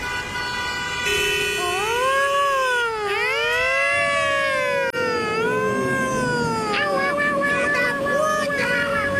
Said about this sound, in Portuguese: Estão falando por cima da vinheta, agora pode. É. Não ouvi nada, eu só ouvi sirene. Boletim.